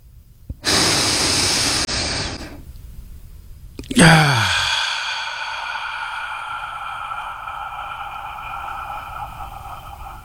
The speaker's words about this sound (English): And now, if you're ready, let's take that deep breath.